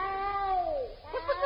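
cat meowing

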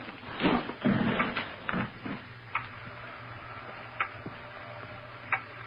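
loud ticking clock

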